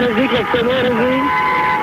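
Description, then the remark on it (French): Busy Paris street traffic at night, loud, with car engines and long sustained car horns blaring over one another as drivers honk, and voices murmuring. “Alors, ça fait du bruit quand même, hein, Paris la nuit, hein.”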